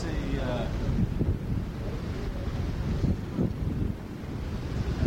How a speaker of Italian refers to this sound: Ed eccoci davanti al mare, si sente odore di mare e rumori di mare.